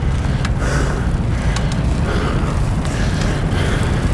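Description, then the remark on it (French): Wind roars steadily over the Col du Galibier, picked up by microphones on a cyclist's hands while climbing the pass by bike on 3 July 2022, about 7 km from the top: a loud, constant rush with heavy low buffeting and a few brief higher ticks; no one speaks. “J'espère que le vent laisse entendre ma voix.”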